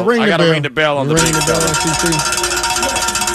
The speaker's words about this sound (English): I hate to do it, but I got to ring the bell.